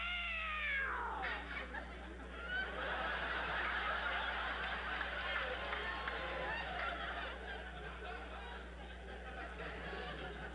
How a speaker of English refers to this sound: Oh, it was the cat.